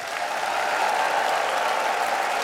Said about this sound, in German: Wow, das klingt wie Olympiastadion. Ja, also Klatschen, Pfiffe, Jubel für Sven Regner. Und Thomas Böhm, der Moderator, der hatte das Publikum zwar vorher auch zum Applaudieren animiert, aber ich glaube, das hätte er gar nicht gemusst.